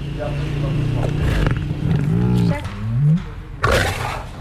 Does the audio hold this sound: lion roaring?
yes